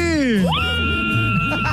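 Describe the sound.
A loud, high-pitched voice cries out in a long excited shriek that sweeps down then rises and holds, with other voices murmuring underneath, as a contestant is given tickets.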